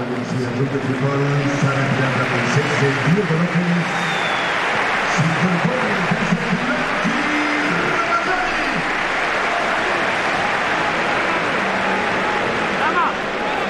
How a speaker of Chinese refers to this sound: 现场的观众呢，也是给了迭戈洛佩斯和拉马扎尼掌声。